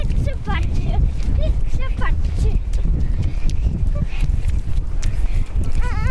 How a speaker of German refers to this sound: Das heißt, man kann hier so richtig durchs Watt barfuß rennen auch, ne? Kein Problem.